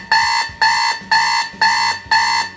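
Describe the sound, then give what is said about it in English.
An old-school GE alarm clock, about the size of a brick, blares in five loud, evenly spaced harsh bursts, each about half a second long, with no voices. “Is it a gentle wake-up, you know, eases you into the day, or is it this classic old-school beast?”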